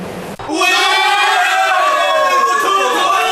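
A crowd bursts into loud cheering after a brief quieter moment, many voices yelling and shouting together in a sustained, dense roar that holds at full volume to the end, mixed with shouts of "wotu", Yi-language for "come on", as players of Yunnan's Chuxiong city football league team watch a World Cup match in China.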